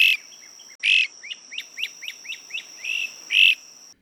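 A bird sings, a loud opening note followed by a quick series of six or seven bright, repeated chirps that end in a strong final phrase, with a faint steady high insect hum behind it.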